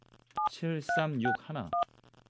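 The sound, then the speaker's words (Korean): Four short, crisp telephone keypad dialing tones beep at uneven intervals, clear, with brief bursts of a voice in between them and a faint low hum underneath, as a Far East Broadcasting radio host dials a listener, a taxi driver in Seongnam. “전화 한번 해볼게요.”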